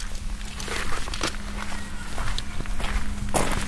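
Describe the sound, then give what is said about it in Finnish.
Footsteps crunch along over a low steady hum in the yard of the Tuuri youth association hall, then a single sharp click sounds as a car door is locked near the end. No one speaks. “Alkaako nämä meidän keikat aina sillä, että auto on viljyen kiinni? Ja sitten kuuluu tämä lukitusääni.”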